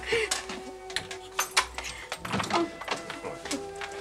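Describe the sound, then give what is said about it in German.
A door is being shut, with a series of sharp clunks and rattles spread over a few seconds above a steady low hum. “Nun, du lass mich erst mal die Tür zumachen, ja?”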